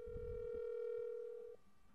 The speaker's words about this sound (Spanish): estamos llamando al teléfono del consulado colombiano, al problema que está en el WhatsApp. y tampoco contestan